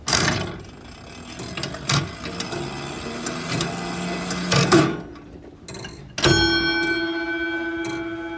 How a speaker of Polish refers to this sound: Możemy też jeszcze otworzyć drzwiczki, włożyć mikrofon do środka, do zegara i usłyszeć, jak tam tryby się jeszcze nam kręcą oprócz tego.